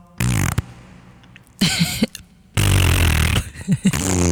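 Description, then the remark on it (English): Loud, wet mouth-made fart noises, a person blowing raspberries in several sputtering bursts of varying length with short pauses between them and a long buzzing one at the end. “It makes as much noise, and if you're lucky, you'll make a fart sound.”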